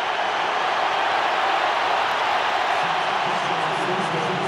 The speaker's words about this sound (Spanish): Será ovación doble para el que sale y para el que entra. Vamos a escuchar. Sale Jiménez y entra La Hormiga.